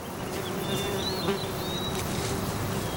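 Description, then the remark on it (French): Steady insect buzzing, like bees and flies, drones continuously outdoors, with thin bird chirps high above and a soft wash of wind throughout; no one speaks. “J'entends des oiseaux, des mouches, des abeilles et le vent, mais pas ma bestiole.”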